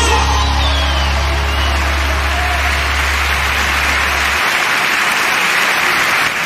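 A crowd applauds loudly and steadily, a dense wash of many hands clapping at once, with a low hum underneath for most of the stretch before it cuts out near the end.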